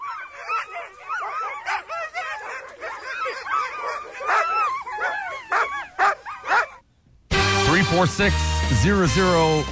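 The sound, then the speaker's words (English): A dog barks, yips and whines in a rapid, excited string for about seven seconds, loud, then cuts off as someone starts talking over music; played on Mix 96 radio for a guess-the-animal game. “And I'm telling you now, it is a dog.”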